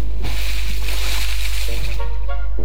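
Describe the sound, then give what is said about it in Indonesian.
A loud, broad rush of water sloshing and splashing as a person jumps into the sea at a beach, fading into steady watery churning with a faint voice underneath. “Ih, enaknya mandi di pantai. Ah, lompat dulu.”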